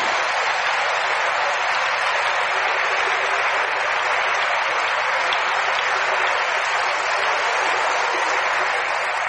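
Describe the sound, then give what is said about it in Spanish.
Sustained applause from a crowd applauding Jesus after a prayer, a dense, even wash of clapping that holds steady and loud for the full length with no pauses and no voices breaking through. “¿Quién da un aplauso a Jesús?”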